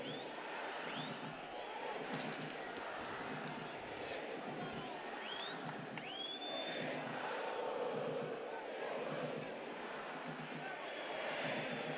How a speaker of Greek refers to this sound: Εισπράττει την γιούχα των οπαδών των υπεδούχων.